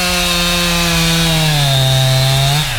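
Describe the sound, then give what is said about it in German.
A loud chainsaw runs steadily at high revs as a tree is felled, its engine pitch sagging slightly as it bites into the wood, then dropping off sharply near the end. No voices are heard. “Bevor die Kettensäge gestartet wird, wurde erstmal der Weg abgesperrt.”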